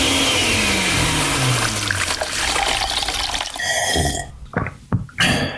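A loud, whirring blender grinds for about four seconds, its motor pitch sliding downward as it winds down, followed by a few short sloshing, gurgling bursts.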